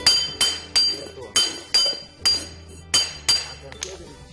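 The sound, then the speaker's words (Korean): A hammered Korean brassware (yugi) bowl, hardened by forging so it does not break, is struck about eight times in a steady, even rhythm, each sharp hit leaving a bright metallic ring, loud, with a low murmur in the background. “얘를 세를 든지 안 깨지.”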